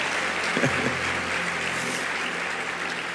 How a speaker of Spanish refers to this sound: Sí, dele más aplausos al Señor. Amén. Amén.